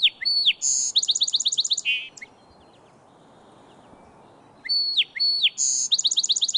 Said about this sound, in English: From a woody thicket along the bank, male song sparrows belt out their chorus all day long.